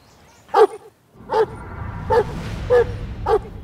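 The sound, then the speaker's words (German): A dog barks five times in short, sharp bursts spaced roughly evenly apart, fairly loud, with a low rumbling background noise rising after the first bark. “wird auf dich zulaufen, wird bellen, aber wird dich nicht beißen, okay?”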